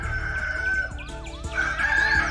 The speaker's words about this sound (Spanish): ¡Levántate, que ya cantó el gallo!